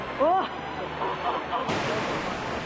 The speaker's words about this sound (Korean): 빗소리를 따라 사람들이 모여들고 이내 메말랐던 암벽 위로 물줄기가 피어오릅니다. 간절히 비를 기다렸던 이들. 와, 폭포다!